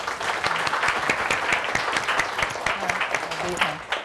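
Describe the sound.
A group breaks into steady applause welcoming the owner of a dressmaking school, dense overlapping claps sustained at an even loudness for about four seconds, with faint voices murmuring underneath.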